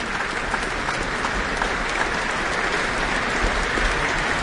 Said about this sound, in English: She's back, taking in a bit more of the applause here at the Auckland Town Hall. From the audience as well as her fellow musicians on stage.